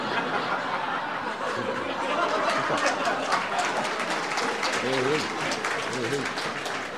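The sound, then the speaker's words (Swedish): A crowd applauds steadily for about seven seconds, a dense, even patter of many hands, with scattered laughter and murmured voices mixed in toward the end. “Tack så hjärtligt för den applåden.”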